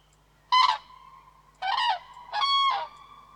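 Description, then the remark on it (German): Three loud, rasping trumpeting calls of a common crane ring out with no one talking, the first short and the last two longer, separated by brief pauses over a faint steady hum. “Und sie haben natürlich auch ganz charakteristische Rufe, so eine Art Trompeten, das man auch oft hört, wenn der Vogel eigentlich fliegt.”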